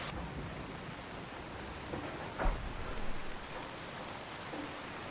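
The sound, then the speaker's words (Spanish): Steady rain pours down in an alley in front of a shop, a constant, hissing patter with a brief louder splash or knock partway through; no voices, just the even wash of falling rain. “En un callejón frente a una tienda, Ji-hoon bebe alcohol sentado en una mesa bajo la lluvia.”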